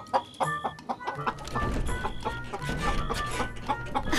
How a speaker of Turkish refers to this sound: Burada iki tane değil, bir sürü tavuk var.